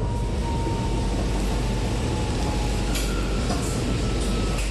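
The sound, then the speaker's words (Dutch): A steady low rumble inside a metro car with a faint electrical whine and hiss, the hum of the metro idling at Diemen Zuid station on its way toward Centraal Station, with no voices. “Station Diemen Zuid. Uitstappen linkerzijde.”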